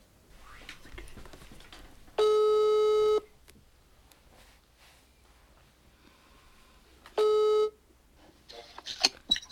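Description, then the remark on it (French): A telephone ringback tone sounds twice while a call connects, each a steady, buzzy tone lasting about a second, several seconds apart, over a quiet background with faint murmuring. “Let's call Marco. let's call Marco. Ok, donc téléphone à Marco.”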